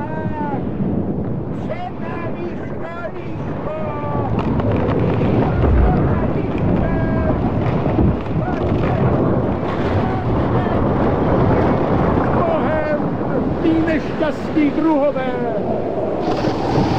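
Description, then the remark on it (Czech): Loud, steady roar of wind with waves crashing and churning throughout, a dense stormy wash of noise, with indistinct voices faintly audible beneath it. “Plaval jsem na zrbuch, postrkován jen větrem a vlnobitím.”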